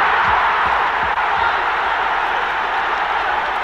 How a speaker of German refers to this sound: Riesengroß der Jubel der Engländer.